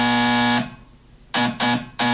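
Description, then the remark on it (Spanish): A harsh electric doorbell buzzer sounds in one long loud blast, then after a short pause three quick buzzes in a row, each a steady, rasping drone with no voices. “¿Alguien me puede averiguar quién está tocando timbre?”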